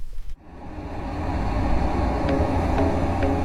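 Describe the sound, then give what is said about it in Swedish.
A loud, steady roar of simulated road traffic, played over loudspeakers at 75 to 80 decibels, rumbles in after a brief quiet moment, with a dense low-frequency drone and a few faint higher clicks, like busy vehicles passing by. “Och så ska vi spela upp en simulerad trafikmiljö. Mm. Som är ganska starkt ljud.”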